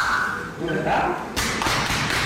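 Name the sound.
hard back slaps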